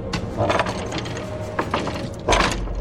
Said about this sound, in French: Allez. J'ouvre la porte de l'antre de Zangdar.